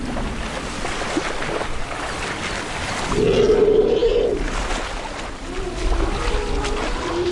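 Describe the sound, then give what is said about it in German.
Elephants wade through swamp water in the Okavango Delta, plucking grass tufts with their trunks, with continuous heavy sloshing and splashing, fairly loud, and a brief low droning tone swelling midway before the churning water carries on. “Mit ihrem Rüssel zupfen sie Grasbüschel am Wegesrand und arbeiten sich mit vollem Körpereinsatz durch den Sumpf.”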